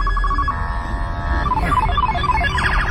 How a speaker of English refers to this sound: Do you hear that? You hear all these, it sort of sounds like a arcade video game from 1982. I'm playing Missile Command. So if you hear those are new Florida Highway Patrol sirens.